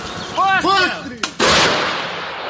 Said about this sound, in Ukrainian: Бійці тренуються стріляти з далекобійної причіпної гармати «Богдана». Ця українська самохідна артустановка ефективна на полі бою, має стандартний для країн НАТО калібр 155 міліметрів.